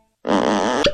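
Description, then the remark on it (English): A fart sound effect: one sustained, buzzing, wet-sounding blast lasting under a second, loud and steady, ending in a brief sharp squeak, with no voices. “That is the sound of a butt being worked clean off.”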